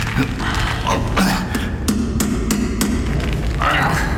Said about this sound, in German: Die Tresortür klemmte. Obwohl sie nicht verschlossen ist. Wie gut, dass ich Hammer und Meißel dabei habe.